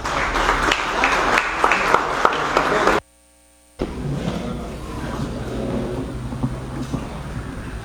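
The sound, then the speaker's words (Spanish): An audience applauds loudly in a dense, steady burst of many hands clapping. It cuts out abruptly for under a second, then resumes as a sustained wash of clapping and crowd noise. “Fuerte los aplausos.”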